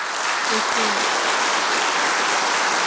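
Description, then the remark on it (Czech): A crowd claps steadily in a dense, continuous wash of applause, fairly loud, with a few brief tonal sounds near the start; the audience at a live Czech Radio show. “Já myslím, že si klidně může ještě jednou a nejednou vychutnat ten potlesk.”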